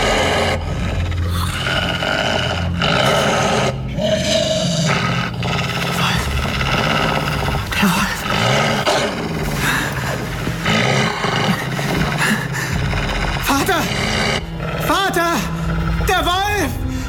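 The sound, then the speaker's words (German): A wolf growls low and close, right by a sleeper's ear inside a hut, a loud, rumbling snarl that swells and rasps continuously for several seconds over a dense, heavy background. “Wolf, er ist hier in der Hütte!”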